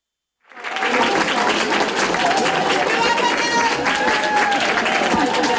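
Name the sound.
fans cheering and applauding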